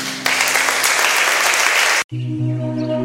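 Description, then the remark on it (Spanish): A crowd bursts into dense, steady clapping for Jesus as an act of adoration in worship, filling nearly two seconds, then cuts off abruptly, giving way to sustained low musical tones with no talking. “Con un aplauso, Jesús.”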